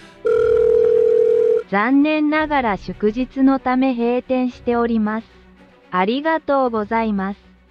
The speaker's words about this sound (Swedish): Men då var det ju en automatisk telefonsvarare som svarade någonting som jag naturligtvis inte fattade.